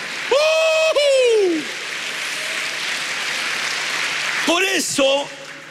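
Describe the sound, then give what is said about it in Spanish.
An audience applauds for the Lord in a steady, dense wash of clapping for about five seconds, with high, rising shouts and cheers breaking out at the start and again near the end. “A ver, un aplauso al Señor.”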